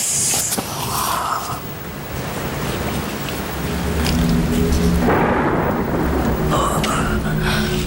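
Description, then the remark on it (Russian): Heavy rain pours steadily outside a club while low thunder rumbles and swells, growing louder toward the end, a continuous dense wash of noise with no voices. “Мало того, что я одна в клубе должна дежурить, так еще дождь на улице.”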